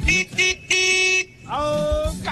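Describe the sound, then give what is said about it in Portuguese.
Loud honks from a forklift horn in Portugal: two short toots, then a long blast, and after a brief pause another sustained honk that wavers slightly in pitch. “É, até as empilhadeiras, os caras buzina, meu.”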